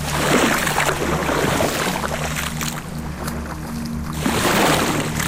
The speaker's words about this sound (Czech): Kořím se do vody, stojím polítka v baltu a držím mikrofon na udici ve vlnách.